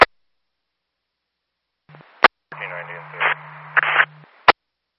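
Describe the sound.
Crackly dispatch two-way radio transmission with a hiss of static and muffled, garbled voice, bracketed by sharp squelch clicks at the start and end, loud.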